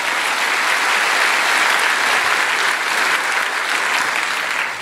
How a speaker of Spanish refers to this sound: Dale un aplauso al Señor si está entendiendo eso.